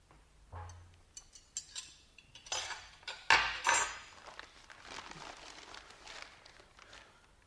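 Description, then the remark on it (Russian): A knife slicing a nut cake into thin pieces scrapes and taps against a plate in a series of short clinks and scratchy strokes, with a louder clatter in the middle before it settles into softer scraping. “нарезать ореховый торт. Только, ты знаешь, так тоненькими кусочками.”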